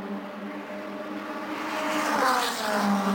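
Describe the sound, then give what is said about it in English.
A black and gold race car's engine roars steadily down the front straightaway of a race track, its harmonic whine rising in pitch as the car accelerates, growing louder toward the end with no talking over it. “Let's follow him down that front straightaway, that beautiful black and gold car.”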